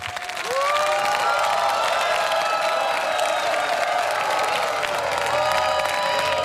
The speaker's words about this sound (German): Und wir geben mit einem riesen elefantösen Jubel nach Hartheim und sagen vielen Dank für dieses schöne Duell heute. Applaus, Applaus für Hartheim. Hartheim! Vielen lieben Dank und der Applaus gebührt euch.